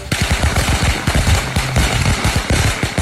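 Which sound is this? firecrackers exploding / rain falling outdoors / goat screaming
firecrackers exploding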